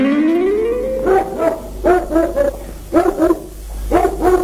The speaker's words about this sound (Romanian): Tovarășe cabanier, potolește-ți câinele. Aseară a lătrat așa de tare încât fiica mea a trebuit să renunțe la cântecele de excursie.